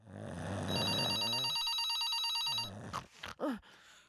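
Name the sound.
telephone ringing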